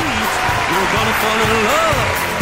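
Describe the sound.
Sustained crowd applause and cheering, loud and steady throughout, with rising and falling voices whooping over a dense clapping wash.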